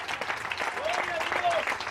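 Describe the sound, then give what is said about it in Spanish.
A crowd applauds steadily for two seconds in praise of the Lord, a dense, continuous wash of many hands clapping at a fairly strong level, with a few raised voices and cheers mixed into the noise. “Denle un fuerte aplauso si es para el Señor en esta hora.”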